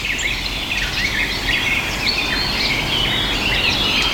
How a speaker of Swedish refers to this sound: Och ett pladdrande som är trädgårdssångare. Vi har precis hört de första börja sjunga här nu på morgonen när solen har kommit upp.